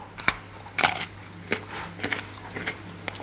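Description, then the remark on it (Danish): A crisp bite into a small raw organic carrot from a bunch, followed by several loud crunches of chewing at an uneven pace, over a faint steady hum. “Jeg forsøger lige at tage en bid her.”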